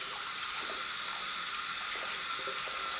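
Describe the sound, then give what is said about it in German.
Steady rushing of water from a tap as soapy hands are washed clean under it, a broad constant hiss with faint irregular splashes and shifts as the hands move under the stream; no voices. “Seife werden die Hände richtig glitschig, aber dadurch, dass ich sie mit Wasser wasche, werden sie richtig sauber.”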